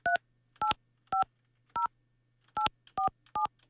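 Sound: telephone keypad dialing tones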